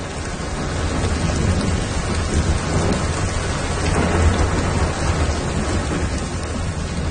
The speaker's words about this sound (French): Ah, le doux son de la pluie. Est-ce que vous êtes fatigué de l'entendre ces derniers jours?